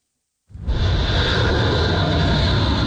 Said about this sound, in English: One jet after another takes off from U.S. carriers near the Persian Gulf on bombing runs targeting Iran